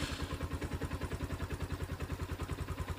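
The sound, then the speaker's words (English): A motorbike engine putters steadily, its rapid, even thumping pulses holding a constant rhythm with no voices, as a 56-year-old farmer rides it to his lemon farm in Epau Village on the east coast of Efate, 80 km east of Port Vila. “a 56-year-old farmer from Epau Village on Efate, rides his motorbike to his farm every day, checking on his station lemon trees.”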